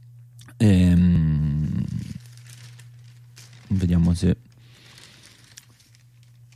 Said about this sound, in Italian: Diciamo che poi sul campo largo della sinistra decide di aprire il Fatto Quotidiano, che dedica proprio il primo titolo.